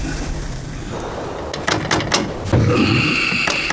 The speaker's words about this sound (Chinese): 你去看看谁来敲门。